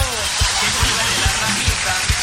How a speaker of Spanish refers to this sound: ¡Ay, oiga, si sigue así va a llover! ¡Ah! ¡Onda, que cabrito está lloviendo fuerte, gallo!